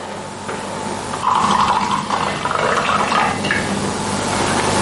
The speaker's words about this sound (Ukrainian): По черзі ногою зі столу бере пачку соку і горня, відкручує кришку, наливає і п'є.